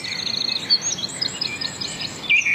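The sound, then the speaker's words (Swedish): Birdsong fills the scene with a steady stream of high, bright chirps and trills, fairly soft and continuous, with no voices present. “Och så kan vi konstatera att intresset för fågelsång verkar öka.”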